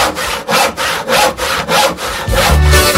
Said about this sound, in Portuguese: Olha o serrote cortando o pé da cama.